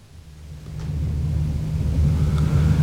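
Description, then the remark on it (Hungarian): Heavy trucks drone with a steady, low engine hum that swells gradually louder and then holds, like vehicles approaching or idling. No one speaks. “Ezek a teherautók úgy zúgnak, mint a darazsak.”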